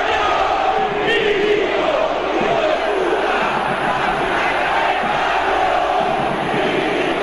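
A stadium crowd chants insults against club president Milito after a match won by Belgrano, some 20,000 of about 40,000 fans joining in, a loud, dense roar of many voices that holds steady throughout without any break.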